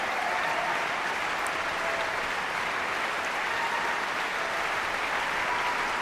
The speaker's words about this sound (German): Applaus für diese großartige Leistung. Applaus auch für die jungen Sänger der Knabenkantorei Basel, für den Frauenchor des Gesangsvereins, die von den Emporen des Musiksaals des Stadtcasinos aus gesungen haben.